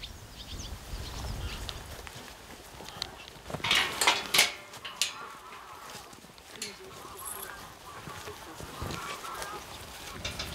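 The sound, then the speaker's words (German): Common cranes resting in Germany during their autumn migration south call in a loose chorus of trumpeting, honking cries, with a louder cluster of overlapping calls partway through over a steady, low background rumble. “Schätzungsweise 400.000 Kraniche rasten dann deutschlandweit auf ihrem Flug in den Süden.”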